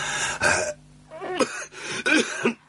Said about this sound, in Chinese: 您怎么老是咳嗽？是不是气管炎？吃过药了吗？ 人老了，毛病多。这天一凉就咳嗽